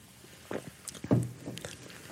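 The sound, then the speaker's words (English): Faint rustling and soft knocks as someone shifts in a seat, followed by a low gulping swallow of water, with a few more quiet movement sounds after. No one speaks. “I don't discuss these things very easily, so excuse me as I sort of wiggle my sitting position and have a drink of water.”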